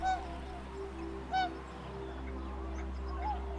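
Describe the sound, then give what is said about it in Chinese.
Tundra swans and other migratory waterfowl give a few scattered, high honking calls at Wuliangsuhai, the largest freshwater lake wetland in the Yellow River basin, in early spring as the lake ice melts, over a steady low rumble of background noise. “对小天鹅和其他候鸟来说，水面开阔、食物充足的无量素海是旅途中难得的驿站。”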